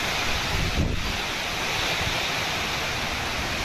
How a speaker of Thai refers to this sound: แรงแรงจริงเสียงลมพายุชัดๆพายุโซนร้อนครับโอ้โหบ้านผมนี่น้ำสาดก็ไปหมดแล้ว